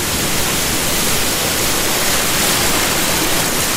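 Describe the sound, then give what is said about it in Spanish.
A steady, loud roar of ocean surf washing onto a beach, a dense hiss of water filling the whole moment without pause. No voices are heard. “Al uno a la orilla de la playa con este sonido de las olas.”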